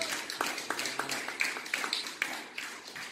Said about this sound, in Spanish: Denle un aplauso.